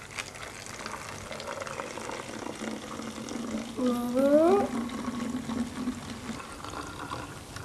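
Water pours steadily into a bottle with a continuous splashing hiss, and a resonant tone sweeps quickly upward in pitch as it fills, briefly growing louder midway before the pour settles.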